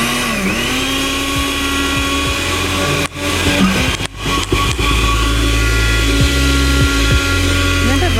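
A kitchen blender motor runs loudly and steadily with a high whining hum, stuttering briefly a couple of times midway as its pitch dips before resuming its constant drone.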